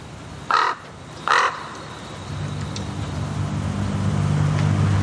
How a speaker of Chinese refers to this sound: 现在这里有2只乌鸦，我觉得他们可能是这片领地的主人。 最初几天，这2只乌鸦十分警惕，他们停在树上观察这位生物学家。